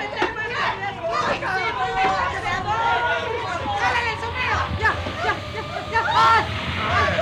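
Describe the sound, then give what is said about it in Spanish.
Water hisses steadily from hoses, a continuous spray running underneath the lively, overlapping chatter of several voices. “¡Conecta la manguera, compañero! ¡Ya está!”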